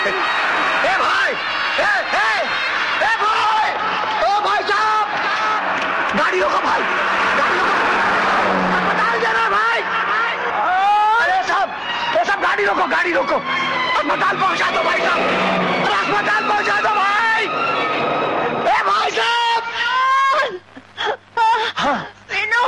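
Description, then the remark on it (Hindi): Traffic noise of cars driving past on a road, a steady rumble beneath loud, distressed voices that moan and wail in the foreground throughout, in a scene from Yash Chopra's 1984 film Mashaal where Dilip Kumar tries to stop a car. “ए भाई साहब, अरे गाड़ी रोको भाई, गाड़ी रोको।”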